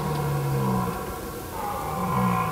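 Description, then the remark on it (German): A red deer stag in the German wilderness gives two deep, drawn-out roaring bellows, each lasting about a second with a low harmonic drone, separated by a brief pause over a steady outdoor background. “Hirsche ziehen in großen Rudeln über das Feld und vertreiben Rivalen.”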